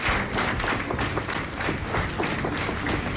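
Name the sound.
loud round of applause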